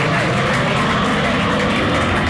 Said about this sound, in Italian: Allora, le frecce tricolori, sì, che hanno già fatto quello che devono fare, perché gira, è finita la sfilata, è finita tutta la Repubblica, sì, ce le siamo tenute noi per via Asiago.